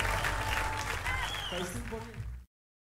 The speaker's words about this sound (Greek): Ένα δυνατό χειροκρότημα για τα παιδιά.